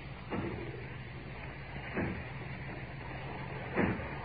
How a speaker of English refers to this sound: I hear it. It's from the factory. Aye. As if they were breaking down the door. Aye. Yes, that's what they're doing.